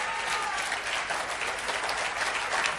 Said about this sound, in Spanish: Señoras y señores, agradecemos y despedimos al señor Presidente de la Nación con este aplauso.